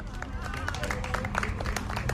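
A crowd claps steadily outdoors, a dense patter of many hands with scattered louder claps, under a murmur of crowd noise and babble, with no one speaking clearly.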